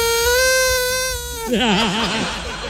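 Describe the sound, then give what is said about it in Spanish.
A loud squeak from a toy rubber duck holds a steady nasal tone, then breaks into a wobbling, hoarse warble as the air runs out, like the duck deflating. No voices. “Ah, se le está desinflando el pato.”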